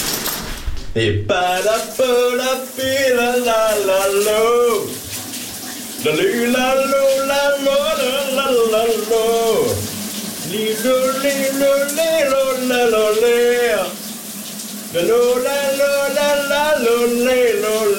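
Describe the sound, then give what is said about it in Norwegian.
A man sings a 1988 pop hit in long, wavering phrases with short breaks between them, all over the steady hiss of running shower water. “Dagens brusebadshit skal afsløres.”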